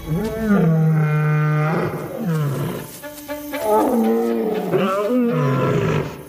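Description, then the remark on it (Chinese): Several lions of an African pride roar in the dark in overlapping bouts, seemingly signalling the start of a hunt on an African elephant herd, deep drawn-out calls rising and falling in long moaning swells, loud and continuous with no talking. “一切准备就绪，狮群成员纷纷发出吼叫声，这似乎是捕猎行动开始的信号。”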